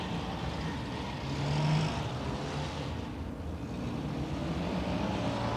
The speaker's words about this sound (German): Das ist ja wieder ein Verkehr. Es wird immer schlimmer.